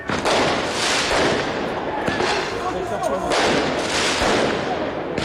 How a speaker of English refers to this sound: Fireworks and other projectiles were thrown at police.